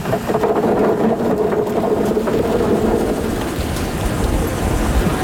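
A tractor engine drones steadily in a potato field, with a broad noisy wash and clattering over it as workers on the back sort out clumps of soil, stones and seed potatoes. No voices are heard.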